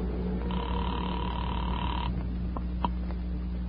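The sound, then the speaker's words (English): A telephone number being dialed from a phone booth: a steady phone tone hums for a moment, then stops, followed by a few sharp clicks over a constant low electrical drone. “I walked across the street, stepped into a phone booth, and dialed my own number.”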